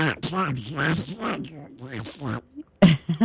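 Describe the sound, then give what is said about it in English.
A voice imitates Donald Duck, producing a raspy, buzzy, unintelligible quacking gabble for about two seconds, then a short pause and a final strained squawk. “Give us your best Donald Duck impersonation”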